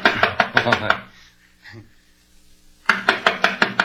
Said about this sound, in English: I'll knock on the door.